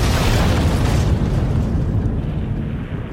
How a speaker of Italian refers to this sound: Una esplosione di ferro contorto, legno spezzato e fiamme.